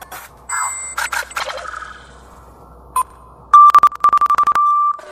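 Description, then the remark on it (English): Loud electronic beeps and chirps, starting with a warbling burst, then a single short beep, followed by a rapid stuttering run of beeps that settles into a steady held tone. No voices. “Is that music? I like beeps and shouting.”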